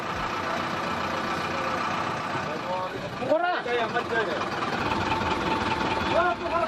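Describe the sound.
A regular bus engine idles in Kathmandu before a delayed departure, with a steady low rumble throughout, while voices talk and call out over the drone; the driver keeps shouting "Pokhara" out of the window to draw more passengers, one louder shout rising midway.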